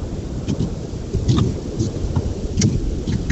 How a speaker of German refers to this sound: Guten Abend, wer da? Hallo, hallo? Irgendwer unterwegs mit dem Auto? Wer ist dran?